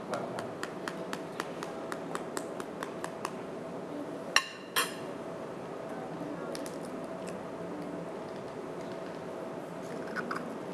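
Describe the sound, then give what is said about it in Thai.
A spoon taps a chicken egg in a quick run of light clicks, then two sharper cracks break the shell into a bowl, followed by a few faint scattered ticks over a low steady hum; two chicken eggs are cracked for a children's cooking lesson on making sun eggs. “หลังจากนั้นนะครับใช้ช้อนนะครับตอกไข่เลยครับระวังนะครับอย่าให้เปลือกไข่นั้นนะครับตกลงไปนะครับค่อยๆนะครับ”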